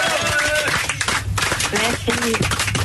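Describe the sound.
Studio applause welcoming a guest on an evening show, a dense, steady patter of many hands clapping for about three seconds, with voices talking over the clapping throughout.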